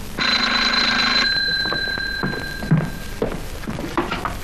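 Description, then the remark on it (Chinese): An old telephone bell rings in one bright, rattling burst lasting about a second, a call for the section chief, its tone lingering faintly afterward, followed by a few soft clunks and thuds. No one speaks. “喂，哦，玛丽小姐， 处长电话。”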